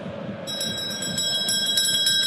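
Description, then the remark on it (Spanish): After a brief pause, a bell rung by a sacristan begins ringing and keeps going, its clear metallic tone sustained with rapid repeated strikes. Fairly loud, with no talking. “Sacristán, tóquele la campana.”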